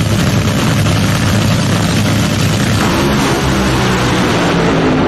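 A drag racing car engine at New England Dragway runs at a loud, steady idle, its deep rumbling roar and heavy vibration filling all five seconds with no voices.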